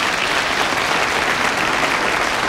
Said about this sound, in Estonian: Jah. Need aplodeerivad praegu, kes usuvad, et see oli nii.